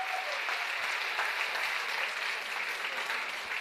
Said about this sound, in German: Jetzt möchte ich, dass ihr jubelt, dass man es bis in die Innenstadt hört, bis in die Paulskirche.